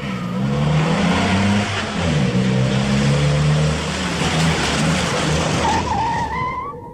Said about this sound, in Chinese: 军营院内，一辆救护车急速驶来，停在了三号楼前。